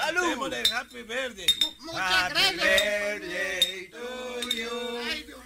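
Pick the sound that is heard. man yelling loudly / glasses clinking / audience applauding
glasses clinking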